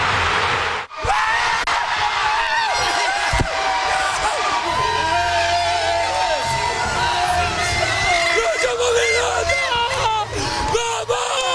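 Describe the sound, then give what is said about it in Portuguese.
A big football crowd roars and cheers continuously after Brazil's second goal against Japan, with whoops and yells layered over dense, loud noise; a voice shouts briefly over the din. “Ó, a torcida japonesa!”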